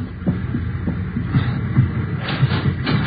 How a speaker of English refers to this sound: That's the same porter? Yeah. He's knocking at the door to that compartment, handing him the envelope.